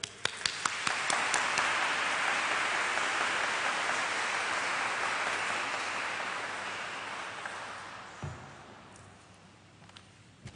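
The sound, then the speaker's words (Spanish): An audience at a Mass for Santa María la Antigua breaks into sustained applause for the Virgin, many hands clapping densely together at full strength for several seconds before gradually thinning and fading out. “Y hoy todos somos panameños, así que vamos a darle un aplauso grande a la Virgen.”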